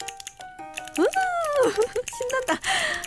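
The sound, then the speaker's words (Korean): A rapid run of sharp little plastic clicks from a keycap keyring being pressed, like keyboard keys being tapped, crisp, then a voice speaking excitedly with a few more clicks scattered underneath, in an unmanned stationery store. “이게 뭐냐면요, 요즘 그렇게 유행한다는 키캡 키링이에요.”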